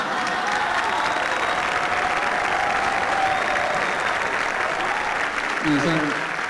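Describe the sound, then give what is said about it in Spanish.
Sustained audience applause, a dense steady wash of many hands clapping for several seconds at even loudness, with a brief voice surfacing near the end. “Eso no es para aplaudir, no es ningún mérito, la verdad.”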